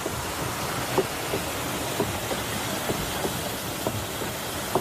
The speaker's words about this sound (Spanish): Esto es un batán, esto está grabado antes de ayer, es el batán. Un batán es un ingenio que golpea, son troncos de madera muy gordos, muy pesados, que golpean la lana, abatanan el tejido para poder usarlo, ¿no?